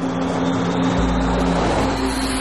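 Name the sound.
car slowing down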